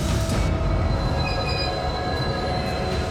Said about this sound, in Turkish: Bütün personel, tünele giren ve batı istikametine giden yük treni için tren modundayız.